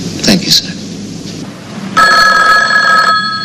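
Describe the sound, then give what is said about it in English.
A telephone bell rings once in an office, a loud, sustained metallic burst of about a second, preceded by a few brief clicks and soft background noise. “just about to leave her office, a curly-haired woman turns back to her desk and picks up the phone.”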